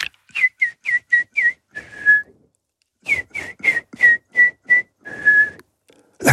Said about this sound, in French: Ça veut dire que Loubénarit? Oh, je vais pas vous le dire, je vais vous le siffler.